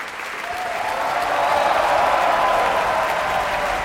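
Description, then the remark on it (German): Sustained, dense applause from a large opera audience at a curtain call for John Holiday in the role of Ruggero, a steady wash of clapping that swells slightly and holds strong throughout, with no voices standing out. “Das ist der Applaus für John Holiday in der Rolle des Ruggero. Große Begeisterung im Publikum.”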